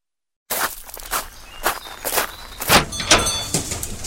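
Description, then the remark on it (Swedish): Footsteps of customers walking into a fabric shop, several steps in a loose rhythm, with a door sound and faint background noise; no one speaks. “Så låter det fortfarande när kunderna kommer in till oss på Kristinedals fabriker.”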